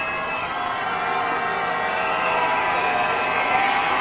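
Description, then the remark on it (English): A baseball stadium crowd at Dabo's Park cheers a comeback in a steady, loud, continuous roar of many voices that holds at an even level for the whole stretch, with no distinct individual words standing out. “It's a lively crowd here at Dabo's Park. Cheering on the comeback.”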